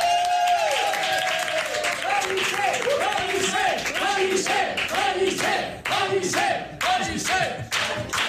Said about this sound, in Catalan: Així que rebem amb un fort aplaudiment a Ramon Pellicer.